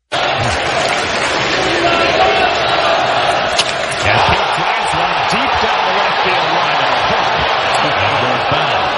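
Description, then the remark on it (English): A large stadium crowd of Mets fans roars steadily throughout, a loud dense wash of cheering and shouting that swells with excitement, with scattered whoops and voices rising above the din, as Alonso nearly hits his 300th home run off Jonah Tong before the ball hooks foul, heard on the Mets radio call. “This was the fan reaction when Alonso nearly homered off of Jonah Tong.”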